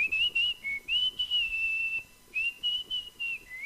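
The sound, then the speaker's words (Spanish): Someone whistles a familiar popular song melody, clear and steady, in short phrases of sustained notes with small pitch rises and dips, no voices accompanying it. “Las canciones de la música popular también se silban.”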